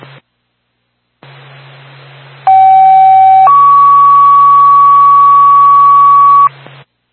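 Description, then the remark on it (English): Fire dispatch pager alert tones over radio hiss, paging the Twin Mountain Fire Department to a fire alarm activation in Carroll: a steady one-second tone, then a slightly higher, loud tone held for about three seconds before the static cuts off. “Flint State to Twin Mountain Fire Department. Stand by for drone.”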